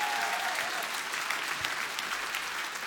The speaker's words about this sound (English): Yeah, Tampere, keep that Tampere applause spicy.